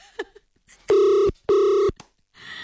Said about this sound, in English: Let's hope that this next person's phone is on. It's gonna ring. Yes, it is. Why is it taking long? There we go.